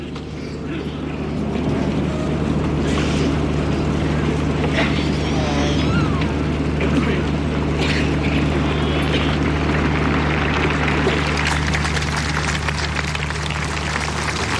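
A large crowd of pilgrims applauding a speech by Pope Leo XIV, an ode to the Virgin Mary, a dense, steady wash of clapping that holds at an even loudness throughout, with a low, constant hum running underneath.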